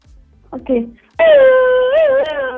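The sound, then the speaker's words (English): A person imitates a wolf howl: after a couple of short vocal sounds, a loud, sustained wavering howl rises and bends in pitch for over a second. “That sounded like a wolf howling.”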